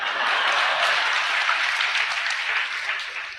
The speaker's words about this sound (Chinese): 各位鼓鼓掌，让咱来了易中天怎么样？